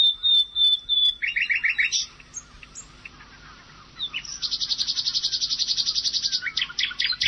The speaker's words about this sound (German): Hier nochmal die Nachtigall im Vergleich.